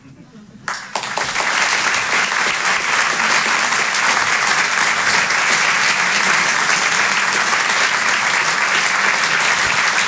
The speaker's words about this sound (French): Merci d'applaudir très fort Emmanuel Baudin, en direct sur Rire et Chanson. Le Rire et Chanson Comedy Club, un lundi par mois, en live, sur la scène de l'Apollo Théâtre à Paris.